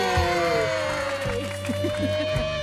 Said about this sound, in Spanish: Damas y caballeros, bonito el aplauso de la mesa 3.